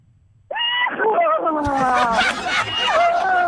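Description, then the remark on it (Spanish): A person imitates a horse neighing: a loud, shrill, quavering whinny that bursts out suddenly and warbles on for about three seconds, growing rougher and breathier toward the end. “¡Cómo relincha el caballo!”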